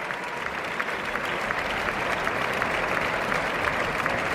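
Sustained, dense applause from a large theatre audience as the orchestra, the cast and Lucas Macías take their bows, a steady wash of many hands clapping at an even, loud level for the whole stretch, with no voices standing out.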